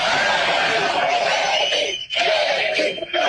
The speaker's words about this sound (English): It's pretty cool to hear a crowd that is this fired up chant your name. So go ahead and do it again.